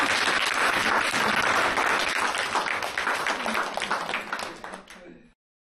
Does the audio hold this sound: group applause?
yes